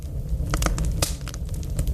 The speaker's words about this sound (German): Ich könnte euch trotzdem ein bisschen Feuer in die Bude zaubern. Und wie? Ganz einfach, mit meiner großartigen Geräuschedatenbank. Wie wär's hiermit?